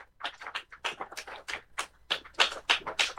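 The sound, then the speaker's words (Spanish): An audience at the end of a Mass breaks into applause for the Virgin of El Cisne (Nuestra Señora del Cisne), a steady patter of many overlapping hand claps that swells in bursts and keeps going throughout, with no voices heard over it. “Un fuerte aplauso para nuestra santa y buena madre.”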